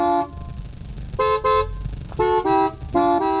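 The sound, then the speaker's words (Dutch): A car horn, sounded by a man sitting in the car, honks a string of short, loud toots at shifting pitches, grouped in quick pairs to play a song, over a low rumbling background with no talking. “Een beetje zielig toetertje.”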